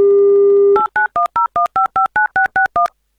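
A steady telephone dial tone gives way to a quick, even run of about eleven touch-tone dialing beeps, each a short two-tone chirp, with no voices, as the radio station Avtoradio calls a listener.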